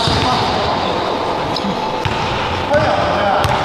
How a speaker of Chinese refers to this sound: 你看，老师说不是说要一直拍球，拍球，拍球。